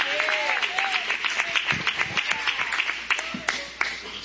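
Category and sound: crowd, audience clapping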